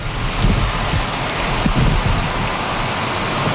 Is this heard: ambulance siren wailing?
no